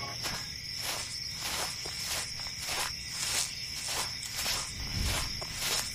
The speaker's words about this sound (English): Cicadas are all gone. Just the crickets. And the night owl.